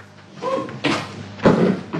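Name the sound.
door opening or closing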